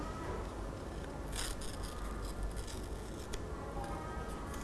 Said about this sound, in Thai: เดี๋ยวคุณครูจะสาธิตเพิ่มเติมอีกหนึ่งครั้งค่ะเด็กๆหยิบกระดาษขึ้นมาค่อยๆฉีกกระดาษค่ะเห็นไหมคะเรานะคะค่อยๆขยับมือค่ะค่อยๆขยับมือเลย